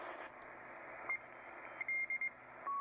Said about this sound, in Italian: sto andando avanti sulle frequenze, sono sui 6500. Ecco, qua c'è... sentite? Sembra un codice Morse strano, soffiato. Perché? Perché siamo in AM, dobbiamo andare sulla banda laterale.